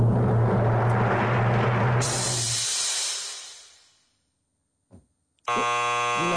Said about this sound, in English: I hate this buzzer.